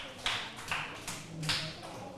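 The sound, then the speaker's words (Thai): A few soft, evenly spaced hand claps from students applauding group 5 during a lesson on counting candies, four crisp bursts in a steady rhythm, fairly quiet, with faint murmuring in the background. “15เม็ดถูกต้องเลยทุกคนปรบมือให้กลุ่มที่5หน่อยค่ะ”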